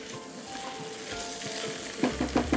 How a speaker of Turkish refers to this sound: defne yaprağımı attım ve bal kabaklarımı ekliyorum. Ve bal kabağımı ekledim. Ve yine karıştırıyorum. Hafifçe terletiyorum.